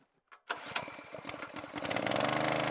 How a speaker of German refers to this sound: Ich habe jetzt die Motorpumpe aufgebaut, um halt in den Allerdüker dann Wasser zu pumpen vom Kanal mit hohem Sauerstoffgehalt, sodass wir dann die Entengrütze nach hinten spülen, dass wir es gezielter abfischen können und gleichzeitig frisches Wasser